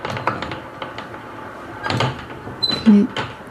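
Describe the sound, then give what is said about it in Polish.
The hand crank of an old, motorless tape winding table, used to slowly rewind a whole roll of tape from one platter onto the other, turns with a series of dry clicks and rattles, then gives a brief, thin high-pitched squeak near the end. “To jest stół bez silnika, on działa tylko na korbkę, no ponieważ jest już mocno stary, to ta korbka troszeczkę skrzypi.”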